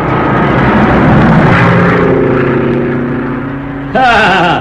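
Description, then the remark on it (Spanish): A small propeller plane drones loudly as it circles and descends to land on a small improvised landing strip in the jungle, its engine pitch slowly sliding lower, then the sound swells and wavers sharply near the end. “le bastaba un espacio pequeño para aterrizar con su avioneta.”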